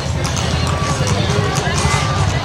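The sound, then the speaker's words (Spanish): Horses walk along with a steady clip-clop of hooves amid a busy outdoor crowd murmur with people talking. “Bueno, y también las personas que se acercan para poder acariciar a los caballos.”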